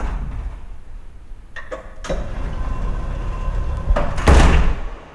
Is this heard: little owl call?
no